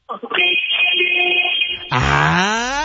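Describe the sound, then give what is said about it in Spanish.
A car horn, sounded by a caller in their car, gives one long, steady, bright blast lasting over a second, then gives way abruptly to a louder, wavering, voice-like cry at the end. “Muy bien, me parece perfecto porque necesito que me hagas un oye con el claxon.”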